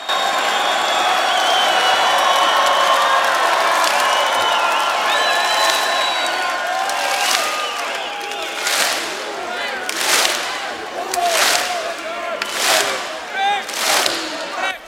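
A large crowd at the Poland Rock festival roars and cheers continuously, calling Jurek Owsiak back onto the stage, with scattered shouts and whistles; the din thins into repeated rhythmic chanting bursts, roughly one per second, toward the end.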